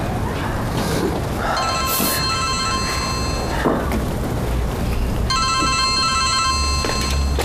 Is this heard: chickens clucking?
no